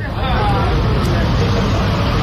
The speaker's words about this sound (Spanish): es que a veces, cuando quieren entrar en su pueblo, el ejército israelí lo cierra, y lo hace con una barra metálica que impide el paso de los coches, y hemos visto cómo se iban, bueno, amontonando ahí los coches. Vamos a escuchar el sonido ambiente.